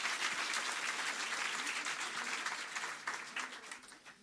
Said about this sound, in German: Und nochmal ein Applaus für den Slammer, nicht für die Wertung.